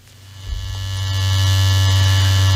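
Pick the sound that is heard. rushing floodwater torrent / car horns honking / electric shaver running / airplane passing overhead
electric shaver running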